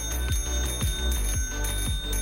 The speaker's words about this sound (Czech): Jakmile uslyšíte mezi písničkama zvonek, hned berte telefon do ruky a volejte k nám do studia